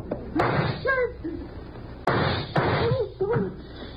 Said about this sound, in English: The door, you idiot. I fired at the lock.